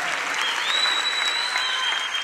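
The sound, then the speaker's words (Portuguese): A crowd applauds steadily, a dense wash of clapping holding an even loudness throughout, with a faint high whistle-like tone gliding through the middle of it. “Una salva de palmas, gente.”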